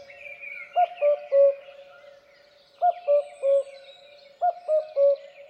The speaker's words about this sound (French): généralement le coucou, on a l'habitude de l'entendre qui fait coucou, coucou, avec deux notes